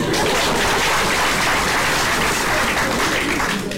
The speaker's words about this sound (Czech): Žádám potlesk pro naše občany.